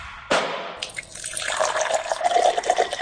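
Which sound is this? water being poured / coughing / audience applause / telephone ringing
water being poured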